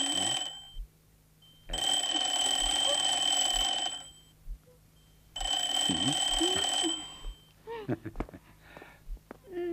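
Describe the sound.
An old-style telephone bell rings in two long, loud bursts with a pause between, followed by some brief movement noises and faint voices as the incoming call is answered.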